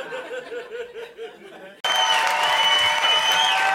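Voices and laughter for the first couple of seconds, then loud, dense applause from the audience of a live show bursts in abruptly and holds steady to the end, with cheering and whistles mixed into the clapping.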